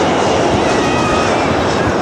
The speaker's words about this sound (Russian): Борт набирает высоту?